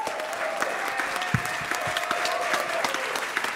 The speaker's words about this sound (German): Vielen, vielen Dank. Ein Applaus für Getöse.